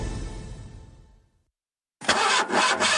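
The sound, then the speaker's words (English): An old car engine struggling to start: a low, uneven rumble sputters and dies into silence, then a loud, rough cranking roar bursts in with rhythmic surges. “Ach nee man, my bucket just made a noise like a lion clearing its throat.”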